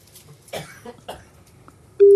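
A couple of soft coughs and throat-clearing sounds, then a loud, steady telephone ringing tone begins abruptly and holds through the end, a call to a home in Dompierre-sur-Charente, Charente-Maritime, France, on its second ring.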